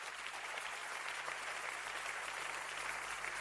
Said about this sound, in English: Give the Lord a clap of hand and preach.